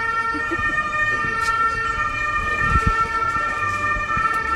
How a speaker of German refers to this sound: Moment gerade, ich glaube, wir lassen da den Ambulanz durchfahren.